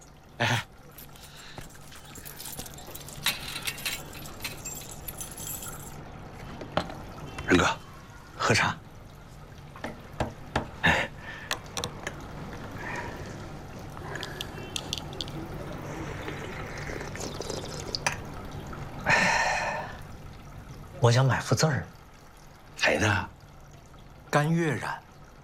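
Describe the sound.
Tea is poured into cups in short splashing streams, with sharp clinks and clatters of cups and teaware between pours, against a soft indoor background with faint voices.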